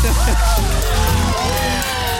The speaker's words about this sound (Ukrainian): Ну я попрошу оператора оплески запустити.